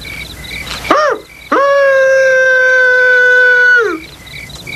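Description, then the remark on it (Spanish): A person outside the city imitates a coyote howl: a short yip that rises and falls, then a long, loud, steady howl that drops off at the end, with crickets chirping in the background. “¿Qué clase de coyote lisiado es ese?”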